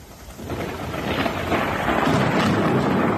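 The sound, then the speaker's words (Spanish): A deep rumble of thunder from a Saturday morning storm with lightning, showers and hail in Alicante province, Spain, swells and builds over a few seconds, broad and rolling, with the hiss of heavy rain underneath and no voices. “En cuanto al tiempo, sábado marcado por los relámpagos, truenos, chubascos y granizo en varias comarcas de la provincia.”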